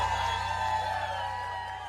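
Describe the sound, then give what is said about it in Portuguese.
An audience cheers and claps in a steady, unbroken roar, with shrill whoops and whistle-like tones riding on top and a low hum underneath throughout. “Quem gostou, quem tá gostando, bate palma e faz barulho.”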